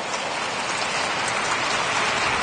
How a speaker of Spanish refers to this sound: Si le va a aplaudir, apláudale fuerte al Señor, apláudale fuerte.